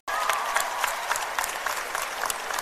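Steady audience applause, a dense wash of many hands clapping at once, sustained without pause for a few seconds.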